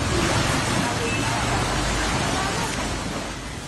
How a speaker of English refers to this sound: Powerful waves from the swollen Narayani River hit a Buddha statue in Narayanghat, Chitwan, as floodwaters rose in Nepal following the massive flash flood.